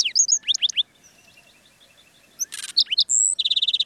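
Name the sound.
black-throated sparrow song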